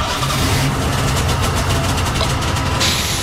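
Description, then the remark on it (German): A Volkswagen Golf engine cranks and catches in a garage, then settles into a steady, rumbling idle, loud and continuous with no one speaking. “Ach, Entschuldigung, wie dumm von mir, der Golf ist ja noch aus.”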